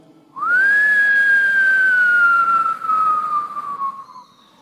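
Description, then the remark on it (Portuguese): A single sustained whistle blast at a large steel mill rises quickly to a steady tone and holds for about four seconds, slowly sagging in pitch before cutting off, like a factory shift whistle sounding loud and alone. “Um pequeno apito soou.”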